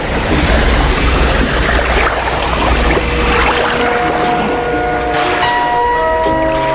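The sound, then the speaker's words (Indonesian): A ship at sea with a constant loud wash of waves and a deep engine rumble. Sustained horn-like tones rise in the second half. “Suatu ketika, di tengah kedamaian, datang pula seorang pelaut ulung dengan kapal yang memuat puluhan prajurit. Kehadirannya langsung berlabuh di Singkarabua, sekaligus ingin menguasai wilayah yang terlihat dari laut begitu indah dan menakjubkan.”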